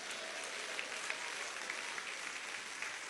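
A crowd claps hands steadily and densely, a continuous wash of overlapping claps with no clear rhythm, sustained at an even, moderate loudness without any talking over it.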